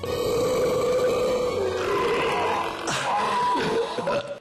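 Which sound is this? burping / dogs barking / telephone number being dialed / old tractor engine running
burping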